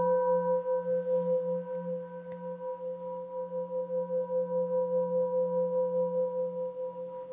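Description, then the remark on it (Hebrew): A Tibetan singing bowl rings with a sustained, layered tone that swells and fades in a steady, regular pulse, its wavering shimmer continuing evenly throughout without any voices. “שומעים כאן צליל כמו שבא והולך.”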